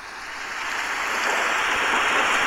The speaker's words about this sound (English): That's a rain and thunder effect, first of all. I want you all to hear that's a rain and thunder effect, because obviously if you're 16 and a rain and thunder effect is an option, fucking click, mate.